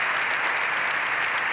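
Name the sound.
applause in parliament chamber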